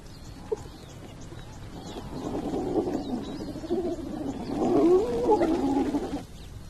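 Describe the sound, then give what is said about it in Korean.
A pack of hyenas rushes in and squabbles over the leftovers of a lion's kill after the lion leaves, with rising whoops, growls and giggling cries building to a loud tussle, while birds chirp faintly in the background. “사자가 떠난 하이에나들이 달려들죠.”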